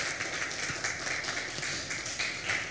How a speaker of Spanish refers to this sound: Dele un fuerte aplauso al Rey de Reyes y Señor de Señores. Amén.